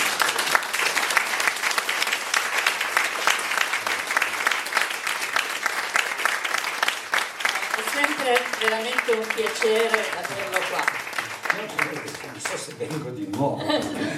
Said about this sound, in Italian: Intanto un applauso.